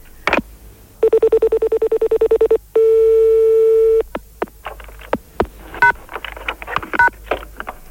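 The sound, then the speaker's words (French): Telephone tones: a rapid run of short, evenly spaced beeps, then a loud steady tone for over a second, followed by scattered clicks and brief handling noises. “Oui, d'accord, alors je raccroche.”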